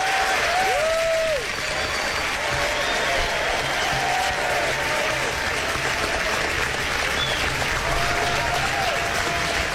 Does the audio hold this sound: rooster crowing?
no